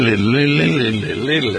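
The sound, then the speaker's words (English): A man hums the theme tune of the radio show Cranberry Country Journal, his voice sliding smoothly up and down in pitch in a steady, unbroken line with no words. “Normally I play the theme song, but I was humming.”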